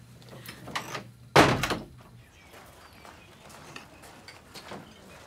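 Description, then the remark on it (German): A door shuts with one firm thud partway through, its brief rattle fading quickly into quiet with faint shuffling and small background noises. “Tür zu.”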